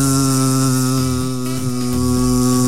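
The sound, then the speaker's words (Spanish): A mosquito buzzes loudly and continuously, a steady droning whine that wavers slightly in pitch. No voices are heard. “Pero a ver, cuando nos pica un mosquito que escuchamos el”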